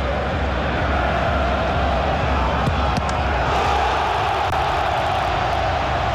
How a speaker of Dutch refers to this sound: Voor de vierde keer kan het Hagia Sophia Stadion juichen. AEK scoort ook in de tweede helft.